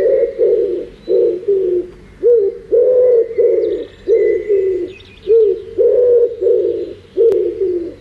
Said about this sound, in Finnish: Siinä oli sepelkyyhky. Sehän on kyyhky, tähän on myös Raamatusta tuttuja. Ja tämä metsäkyyhky, joka sitten etenkin silloin keväällä kovastikin huhuilee ja on päässyt aina virsikirjaan asti, kun toukomettiset ovat äänessä.